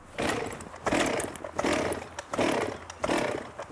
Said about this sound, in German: Sind Michael und die Kettensäge startbereit?